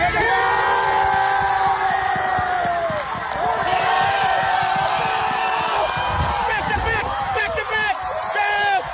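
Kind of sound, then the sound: crowd, football crowd cheering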